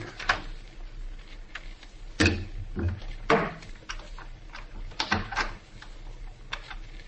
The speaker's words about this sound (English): Quiet. Somebody's unlocking the door through which we came. Maybe they won't come in here.